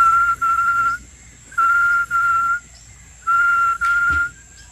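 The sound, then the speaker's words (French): A person whistles an imitation of a tinamou's call, as used during hunting to attract the birds: steady, clear whistled notes in three paired bursts, each held for about half a second, with short gaps between. No speech. “Le tinamou oriana fait comme ça.”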